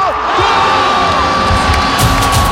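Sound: football fans cheering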